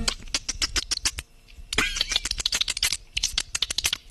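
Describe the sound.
A person mimics dolphin sounds with their mouth: rapid bursts of sharp clicks and squeaky chirps, fairly loud, with a brief pause midway before the clicking resumes.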